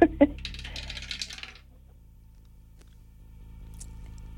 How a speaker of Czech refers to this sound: držím v ruce kostku, drž mi pěsti, protože ji právě vhazují do naší věže.